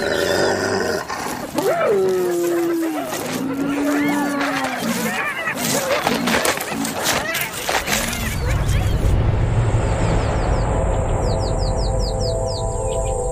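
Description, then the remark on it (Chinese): Spotted hyenas growl and roar in a dense, overlapping tangle of snarls and rising whines as the clan leader asserts dominance. The calls then give way to chirping birds over a low rumble. “这也正是头领展示存在感的时机，虽然通常情况下仅仅是几声咆哮和有力的抓挠足矣。所有雌性斑鬣狗的地位都凌驾于雄性之上，即使是地位最低的雌性也优于等级最高的雄性。”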